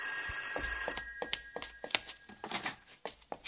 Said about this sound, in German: Telefon, Frau Kolumna. Ich geh ran.